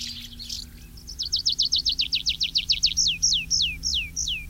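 Tree pipit song rings out clearly: a rapid series of bright repeated notes that slows into longer, downward-swooping whistles, over a low steady background hum.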